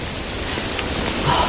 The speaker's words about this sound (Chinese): 天冷了喽，还下雨呢。